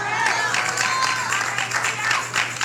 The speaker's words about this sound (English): They must be guests over here because they ain't clapping. They're clapping like they're jealous.